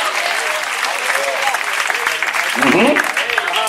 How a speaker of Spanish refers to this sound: Dele fuerte ese aplauso al Señor en esta hora.